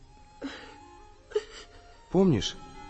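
A woman cries quietly, letting out three short, breathy whimpers; the first two are soft catches of breath and the last is a louder, wavering sob.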